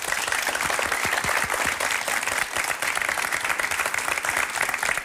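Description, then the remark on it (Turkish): Sustained applause from a crowd, a dense, steady wash of many hands clapping at once, loud and even throughout with no voices standing out. “Bir alkış alalım mı?”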